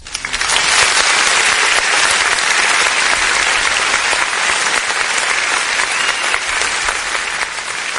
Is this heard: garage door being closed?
no